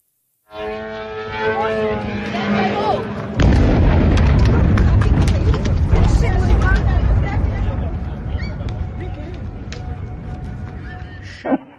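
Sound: gunfire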